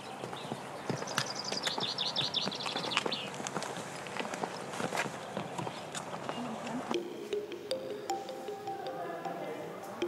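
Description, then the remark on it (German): Donkey hooves clip-clop steadily on a steep footpath to the Psychro cave on the Lassithi plateau, 800 meters above sea level, a rhythmic series of sharp knocks, with background chatter and some higher chirping sounds around them. “Für den steilen und etwas mühevollen Fußweg dahin kann man sich auch einen Esel mieten.”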